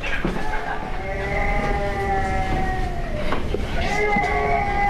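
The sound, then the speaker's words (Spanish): A baby who has just woken up cries in long, high-pitched wails that rise and fall, loud and continuous, with a short break before the crying starts up again. “Fuera, sí, está llorando, está efectivamente. Llorando. Se ha despertado.”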